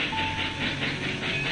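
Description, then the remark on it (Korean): A train rolls steadily along the rails on a late-winter trip, after light rain has cleared, with a rhythmic pulsing rumble, a broad hiss, and a faint steady tone running through the continuous noise. “기차를 타고 여행을 떠났다.”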